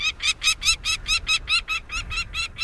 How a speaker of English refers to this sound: Northern nesting species of falcons, like this peregrine we're hearing, move southward, closer to their many admiring observers.